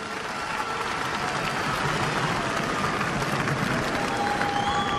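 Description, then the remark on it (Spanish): A church audience applauds the word of God after a Bible reading, a dense wash of many hands clapping at an even, fairly loud level throughout, with a few faint whistles or cheers rising above it. “Dele el aplauso si quiere a la palabra de Dios.”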